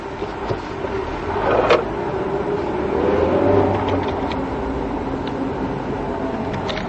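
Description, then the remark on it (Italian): A car engine hums steadily, then revs up and swells in pitch and loudness around the middle before settling back to a constant drone, with a few faint clicks along the way. “Questa macchina è uno sterzo del cazzo.”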